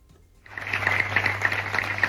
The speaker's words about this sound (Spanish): Son los aplausos de la ciudadanía de San Vicente.